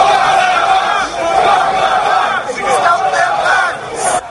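A large crowd at an anti-immigration protest in Portsmouth, on the south coast of England, on a Saturday afternoon, chants and shouts "Send them back" in unison, a dense roar of many voices rising and falling in rhythmic waves, loud and continuous throughout.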